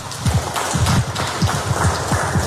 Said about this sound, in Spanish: Entonces, voy a dejar el tiempo para ellos, para lo cual, pues, yo también pido un caluroso aplauso para los compañeros.